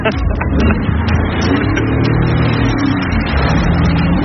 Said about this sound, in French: Je teste pour la première fois le jet ski. Et tu montes avec moi, hein?